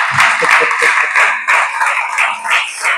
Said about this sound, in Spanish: Dale ese aplauso al Señor, venga, a hacer algo.